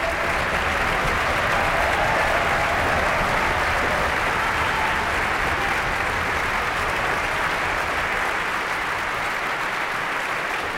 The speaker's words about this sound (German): tosender Applaus für das ORF-Radiosymphonieorchester Wien und Marin Orser.